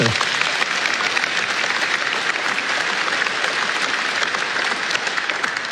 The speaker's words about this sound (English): Jensen, you know, go ahead, you can clap for him.